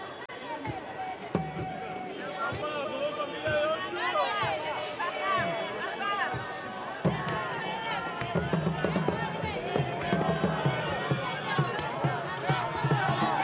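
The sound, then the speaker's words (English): A large crowd of the faithful cheers and chants steadily in a square as the Holy Father makes his round, a dense wash of many voices with rising and falling shouts and sung phrases, with a few musical groups, punctuated by occasional louder bursts of applause-like noise. “As the Holy Father makes his round, you can hear in the background the cheers and chants of the faithful, as well as a few musical groups who were set up here in the square to celebrate the Holy Father's event with the faithful who have come out”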